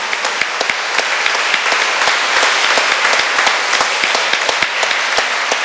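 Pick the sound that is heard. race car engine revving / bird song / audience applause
audience applause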